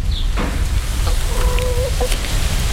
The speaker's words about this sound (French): Ouais, je crois qu'elles essayent de nous dire quelque chose. Ah, mais c'est peut-être ça, elles nous envoient. Bonjour ! Les poules nous font signe